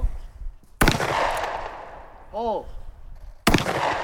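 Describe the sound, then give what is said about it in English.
Two loud shotgun blasts at a high school shooting competition at a Fish and Game Club, roughly three seconds apart, each a sharp crack followed by a rumbling, fading tail, with a brief voiced call between them. “The students dump their shotgun shells into a big blue bucket.”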